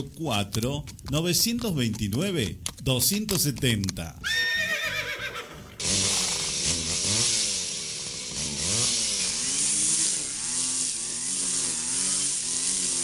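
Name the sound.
chainsaw running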